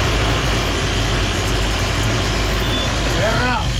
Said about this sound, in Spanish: Dice: súper difícil la pasada por el parque cafetero, los carros ocupan toda la calle, y nos envía videíto. Vamos a ver si lo podemos escuchar.